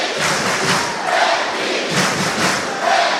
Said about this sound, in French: Et vous l'entendez, cette salle qui crie Hermine, Hermine, Hermine, et qui essaye de porter ses joueurs.